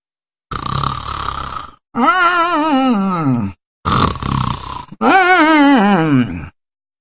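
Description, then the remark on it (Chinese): A voice imitates the loud, strange snoring of Tu Xingsun asleep against a tree: two cycles of a rasping inhaled snort followed by a long, wavering, sighing groan, prominent with no other sounds. “就他这呼噜一唱三叹，怪异非常。”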